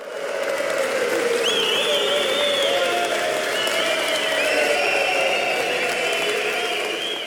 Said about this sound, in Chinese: 100个人的鼓掌欢呼声。